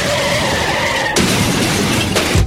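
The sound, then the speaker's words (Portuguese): A car's tires screech in a sustained squeal, then a loud crash hits with crunching, shattering debris, followed by a couple more impacts as the wreck settles. No voices. “Olha só o que você fez no meu carro!”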